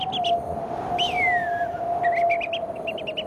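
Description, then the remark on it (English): A person mimics early-morning birdsong of the dry savannas around Darwin: a steady held whistle underneath, with quick clusters of high chirps and one long downward-sliding whistle, fairly loud over a hissy background. “Just set the scene. Okay. The dry savannas. Yes. As an early morning in Darwin.”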